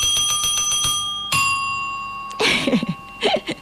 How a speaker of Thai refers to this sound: ได้ยินเสียงกระดิ่งชัดไหมเอ่ย มี FC ของเราบางคนนะบอกว่าชอบฟังเสียงกระดิ่งมากๆเลยอ่ะจัดให้อีกรอบนึง